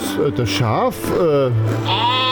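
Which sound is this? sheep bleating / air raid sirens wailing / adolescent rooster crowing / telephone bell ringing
sheep bleating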